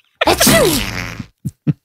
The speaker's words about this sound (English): After doing the deed with my now husband, we were laying there with him still parked in the garage, and I sneezed him out of me and then made a ding in my best impression of a flight attendant and said, early departure planned from terminal.